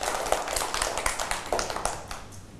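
Hands clapping in a quick, uneven patter, as if a few people are applauding together during a lesson, for someone who gave a correct answer, with sharp overlapping claps that thin out slightly toward the end. No one speaks.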